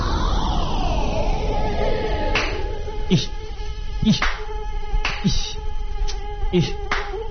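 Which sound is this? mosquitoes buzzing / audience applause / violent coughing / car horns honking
mosquitoes buzzing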